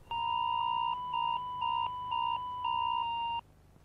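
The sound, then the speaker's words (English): A loud emergency warning alert tone, broadcast with a text message warning: two steady pitches sounding together, pulsing in a series of long and short bursts for several seconds before stopping abruptly, with a faint low hum underneath and no voices. “broadcast through a text message, warning and sound.”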